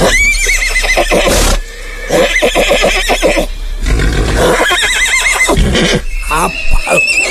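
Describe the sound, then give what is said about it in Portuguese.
A chestnut horse neighs loudly, a series of shrill, quavering whinnies that rise and fall across several seconds with brief gaps between bursts. “vai lá ver meu cavalo, ó, ó. Ô, cavalão alazão.”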